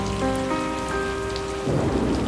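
A thunderstorm with steady rain pouring down and a low rumble of thunder behind a pianist, whose sustained piano notes ring out clearly over the downpour before fading into the storm noise.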